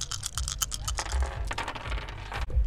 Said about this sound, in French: Une courte pause publicitaire pour le bruit des dés.